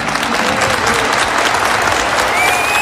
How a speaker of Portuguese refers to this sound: Se aplaudiu, aplauda de verdade então.